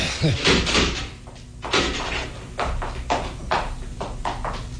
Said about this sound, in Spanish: empujó con la fuerza de sus hombros y la pesada puerta se abrió.